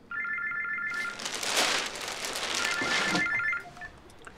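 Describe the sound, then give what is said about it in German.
A telephone rings in two electronic bursts separated by a pause, with a loud wash of hissing noise, like rain or static, swelling in between and partly covering the second ring. “jetzt bitte mal ans Telefon?”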